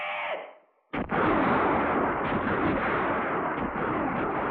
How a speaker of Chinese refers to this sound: 山谷里只是回荡着一阵阵敌人的乱枪声。伪军便衣队队长空打了一阵，就无可奈何地收起了枪。